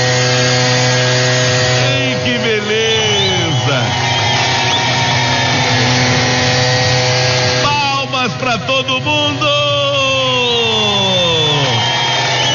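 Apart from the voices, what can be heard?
leaf blower running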